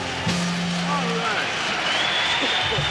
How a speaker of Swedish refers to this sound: är det som applåderas ut här, en live-version från 1969 när han uppträdde live på San Quentin State Prison.